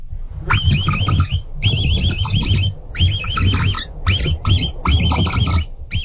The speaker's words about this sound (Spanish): pues vamos a escuchar primero el capibara y luego te revientas tu versión, ¿te late?